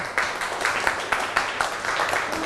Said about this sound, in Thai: สัญลักษณ์เป็นรูปภาพใช่ไหมลูกเก่งมากกลุ่มห้าปรบมือค่ะ